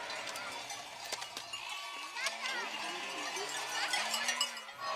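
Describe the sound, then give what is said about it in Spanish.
A herd of goats bleats repeatedly, several overlapping calls rising and falling, with occasional clanks of bells and a steady outdoor hubbub beneath. “ha llegado con sus cabras.”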